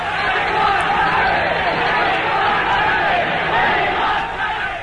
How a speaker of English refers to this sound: There's an announcement coming. The game has been officially cancelled. The game has been cancelled. The crowd refusing to go, chanting, "We want rugby."